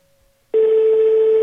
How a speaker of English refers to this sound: I pray make the line connect. Okay, he does the ring.